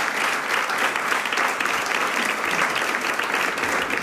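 applause

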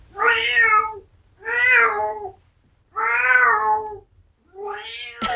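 old tomcat meowing

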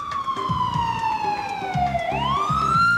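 ambulance siren

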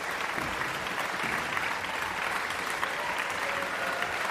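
concert audience applauding

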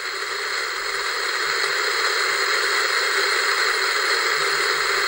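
white noise static

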